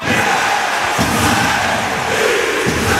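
A dense crowd roars steadily at an ice hockey game in the Podmežakla arena in Jesenice, a loud, continuous wash of cheering and shouting with a few dull thumps underneath, no single voice standing out.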